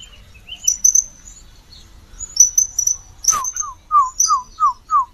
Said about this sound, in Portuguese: Aqui, ó, que lindo que é o surucuá.